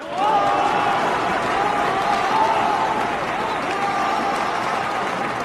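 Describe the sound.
Sustained applause from a large audience at a military district assembly, welcoming a regiment commander to convey the spirit of the Party's Seventh Congress; steady and loud throughout, a dense wash of many hands clapping with a faint murmur of voices mixed in.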